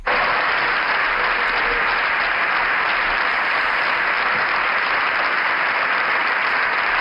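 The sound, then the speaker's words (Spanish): Sustained applause from the Popular Party benches in the Spanish parliament, standing to applaud a speech by Alberto Núñez Feijóo, a dense, steady wash of clapping hands at even loudness, with no pauses, for several seconds. “Se levanta la bancada popular para aplaudir esta intervención de Alberto Núñez Feijóo, que ha terminado asegurando que él se va a encargar de acabar con todo esto.”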